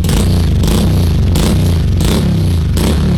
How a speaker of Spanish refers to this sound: A ver cómo es el ruido del escape